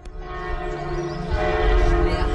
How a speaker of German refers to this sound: Die Glocken des Klosters Knechtsteden laden ein. In die Basilika, aber auch auf das ganze Gelände des Klosters bei Dormagen.